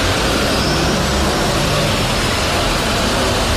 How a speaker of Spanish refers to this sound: Durante nuestra visita, los coches no han dejado de entrar en el parking y apenas quedaban plazas libres.